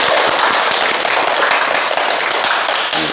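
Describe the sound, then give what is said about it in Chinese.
A class claps together for a student who has just recited a poem: steady, dense applause, a loud crackling wash of many overlapping hand claps that holds for about three seconds with no voices over it. “哎，不错啊，大家给他鼓掌。”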